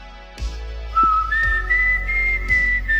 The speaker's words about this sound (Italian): mentre è lì che fischia una melodia su quel portico, succede una cosa strana. Il bosco le restituisce quel fischio.